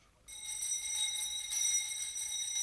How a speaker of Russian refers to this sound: Ну вот, слышите? Даже этот жалкий звон вещает вам перемену.